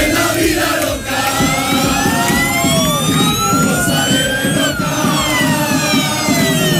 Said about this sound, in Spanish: La expectación es tal que fíjense cómo despidieron ayer por la tarde cientos de aficionados del Málaga al equipo cuando salía en autobús rumbo a Almería.